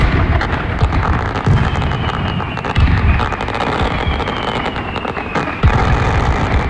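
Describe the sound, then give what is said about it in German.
Fireworks crackle and bang continuously, a dense barrage of loud bursts with sharper pops around the third and sixth seconds and a faint whistling rocket streaking through the din. “Das solltet ihr die nächsten Tage und vor allem am 1. August bei uns in der Region nicht hören. Man darf nämlich kein Feuerwerk ablassen, weil es so trocken ist.”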